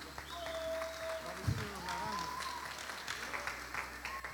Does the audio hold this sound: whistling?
no